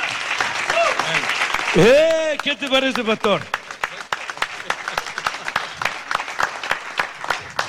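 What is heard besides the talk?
audience applause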